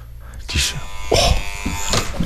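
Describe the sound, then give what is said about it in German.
A doorbell buzzer, rung once by a radio reporter at a listener's home, drones steadily for the whole two seconds, a harsh, even electric hum, with a few brief muffled voice sounds breaking in over it. “Ich habe jetzt nur einmal geklingelt.”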